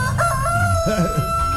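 A rooster crows, a rising then wavering cock-a-doodle-doo with a bright, strained pitch, heard over a steady low hum of background noise.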